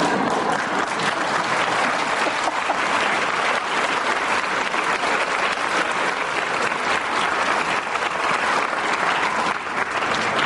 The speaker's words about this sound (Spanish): Pero ya no le den más aplausos, por favor.